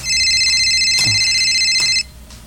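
A cellphone ringtone for an incoming call rings loudly and steadily for about two seconds, a bright electronic trill, then cuts off abruptly, leaving quiet background noise.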